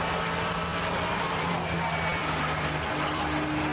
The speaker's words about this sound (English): Oh, I don't like that squeaky. Something's flailing on the overrun. As suspension, something's grinding, yeah. I would suggest. When he lifts, is he getting a bit of rear wheel steer there, I wonder? And that's rubbing or grinding, as you say.